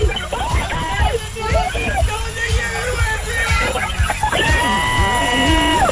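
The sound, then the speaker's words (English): A woman shrieks with excitement in loud, wavering bursts after winning $1,000 in a quiz, with other voices chattering and calling out beneath her screams. “Lost her complete mind. Some say she's still on Dalrymple Road screaming.”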